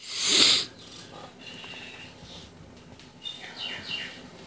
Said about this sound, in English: Ignore the little birdies in the background. It's Jaden's sound machine. He sleeps to birds.